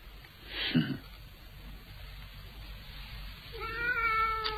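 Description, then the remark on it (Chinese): A cat yowls sharply as its tail is pulled, a short strained cry followed a few seconds later by a longer, wavering meow, both fairly loud over a quiet background. “别拽猫尾巴，你那么喜欢残忍，是从哪儿学来的？”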